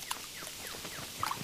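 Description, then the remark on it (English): Light splashes and soft patters from a rosella, a small bird, hopping in and out of a little puddle on the ground to bathe, mixed with faint high chirps and squeaks, fairly quiet, with no one talking. “She hops into the water. Her feet get wet. And she hops out again. She likes splashing and bathing.”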